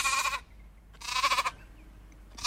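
Goats bleat in close, loud bursts: one call at the start, a longer wavering bleat a second later, and another beginning at the very end, with quiet gaps between.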